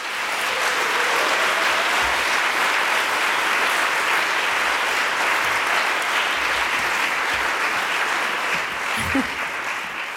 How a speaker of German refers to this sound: Deswegen bitte um großen Applaus für meinen musikalischen Partner